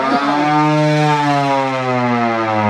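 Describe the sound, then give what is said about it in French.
A hand-cranked air raid siren wails loudly and steadily, its harmonic-rich tone holding a sustained pitch after a quick rising start, with no voices over it. “Je vous laisse tourner la manivelle. C'est quoi? Eh bien, malheureusement, quand vous entendiez ce bruit-là, fallait se sauver.”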